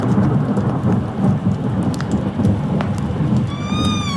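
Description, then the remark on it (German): Steady rain patters down with a deep, continuous rumble of thunder rolling underneath as a thunderstorm approaches, a full stormy wash of sound with no voices. “Mit den ersten Regentropfen eines nahenden Gewitters hörte ich die Schritte meines Schützlings in der Halle.”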